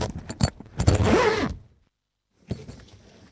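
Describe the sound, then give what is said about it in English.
A zip is tugged in short, scratchy bursts, then dragged in one longer rasping pull, followed by a pause and a softer rustle of fabric. “Oh, dashed zip. That's why I leave it open.”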